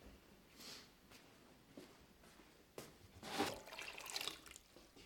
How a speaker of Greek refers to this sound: Θα βάλουμε νερό να καλύψει τα ψάρια με τα δύο δάχτυλα. Με τα δύο δάχτυλα.